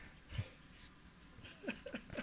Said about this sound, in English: It sounds like the corgi's the one singing there at the end.